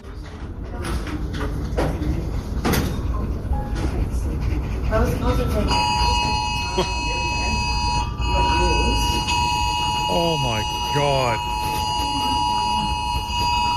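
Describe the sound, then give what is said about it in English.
Partway through, many phones burst into a loud, steady emergency alert tone together, blaring continuously to the end over chatter and a startled voice, in a library in Springfield, Brisbane, at 2 p.m. “2 o'clock, our phones went off.”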